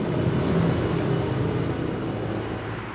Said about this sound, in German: Noch aber dürfen Autos hier mit 50 km pro Stunde vorbeifahren.